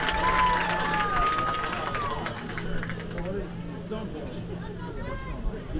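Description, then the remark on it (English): A large football crowd murmurs and chatters in a steady, dense babble after an illegal formation penalty is called against the East defense, with scattered rising whistles or shouts cutting through near the start and a constant low hum underneath. “A collective murmur amongst the crowd of how do you have illegal formation on defense?”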